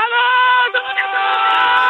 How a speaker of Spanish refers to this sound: Unos gritos animando al Eldense.